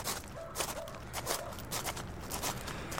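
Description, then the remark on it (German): Soft, careful footsteps creep along at a steady pace, a dozen or so quiet crunching steps with no voices, as people sneak cautiously around a house. “Lass uns mal lieber erst vorsichtig um das Haus schleichen.”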